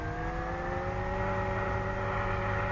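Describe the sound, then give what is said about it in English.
A caravan's engine drones steadily for a few seconds with a low, even rumble and a faint whine above it, with no talking, as the caravan is driven into position. “We'll drive one of the caravans over here and climb onto its roof.”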